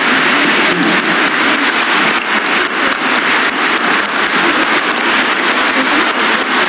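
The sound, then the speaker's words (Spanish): A crowd claps steadily and loudly for several seconds, applauding the Trujillo choir that had been singing for them. A dense, even wash of many hands with no voices rising above it. “Vamos a dar un aplauso al coro trujillano que ha estado aquí cantando para nosotros.”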